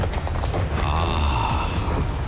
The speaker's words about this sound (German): Keine Angst. Das ist doch nur so ein bisschen Gewitter mit erfrischendem Regenguss. Nach all der Trockenheit ist das doch herrlich, oder?